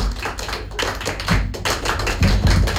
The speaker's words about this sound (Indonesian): Tepuk tangan untuk kita semua. Oke. Dua kali tepuk pramuka.